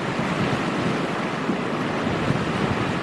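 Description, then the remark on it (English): A massive storm-surge wave from Lowell rushes ashore carrying debris, with a loud, continuous roar of churning ocean water and wind, steady for several seconds with no one speaking. “Massive wave came coming in and just rushed in”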